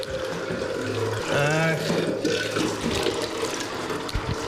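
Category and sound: nature, spring water running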